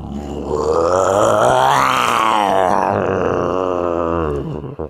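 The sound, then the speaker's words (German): A man imitates a lion's roar with one long, loud, growling vocal roar that rises in pitch and then sinks again, holding for about four seconds before breaking off. “Kannst du einen Löwen nachmachen? Ich kann's mal versuchen.”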